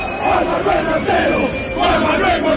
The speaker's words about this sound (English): The chant quickly spread through the stadium. The lost wallet returned to its owner thanks to the creativity and solidarity of Argentinian supporters.